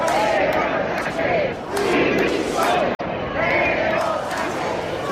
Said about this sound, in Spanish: Banderas de España y de Ceuta, pancartas contra el gobierno y sobre todo gritos pidiendo la dimisión de Pedro Sánchez.